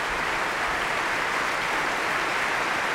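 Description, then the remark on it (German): Sustained applause from a large concert audience, a dense, steady wash of clapping hands with no voices standing out, applauding the trumpet and brass players of the Deutsches Symphonie-Orchester. “Und hier gibt es großen Applaus gerade für die Trompete und die Bläser des Deutschen Symphonieorchesters”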